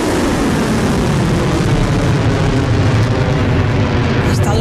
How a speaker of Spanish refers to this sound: ha reivindicado esta madrugada haber lanzado primero drones y misiles contra la sede de la quinta flota de la Armada de Estados Unidos en Bahrein y también contra una base de helicópteros de Estados Unidos en Kuwait. Estos ataques han sonado así.